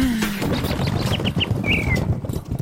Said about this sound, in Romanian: Măi, păsărică, n-ai și tu altă treabă azi?